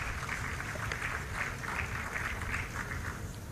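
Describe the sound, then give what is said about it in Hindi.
Steady applause from an audience greeting an award winner for weaving from Andhra Pradesh, a dense wash of many hands clapping at an even level for a few seconds, with no voices over it. “जोरदार तालियों से अभिवादन कीजिए कॉटन टसर हाफ और हाफ जामदानी साड़ी, आपका विशेष उत्पाद।”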